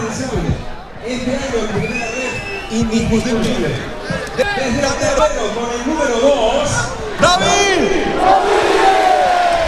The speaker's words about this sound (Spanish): ahora sí los gritos de la afición se escuchan hasta aquí, ¿eh? Con baile y todo para David.